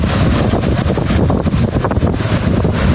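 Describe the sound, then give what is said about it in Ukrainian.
A fire whirl in the Chornobyl zone in Ukraine: its wind roars loudly and steadily, a dense rushing buffeting, with no voices heard. “Вітер, пили, полум'я зливаються в одну нищівну силу.”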